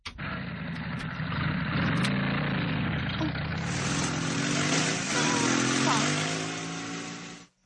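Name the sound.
motorcycle engine passing by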